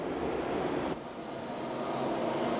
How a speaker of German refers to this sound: Wir wollen das Verhalten eines ICEs beschreiben, wenn er hoffentlich pünktlich einen Bahnhof verlässt.